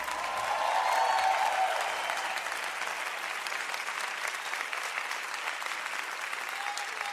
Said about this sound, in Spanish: aplauso al Señor.